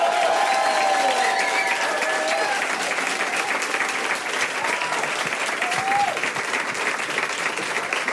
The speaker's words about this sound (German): Riesengroßen Applaus für Finn Farina.